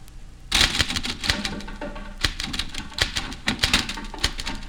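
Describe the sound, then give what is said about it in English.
Rapid mechanical typewriter keystrokes clatter, a dense irregular stream of sharp clicks and thuds that starts abruptly and continues steadily, with no voices. “There are drums in the typewriter.”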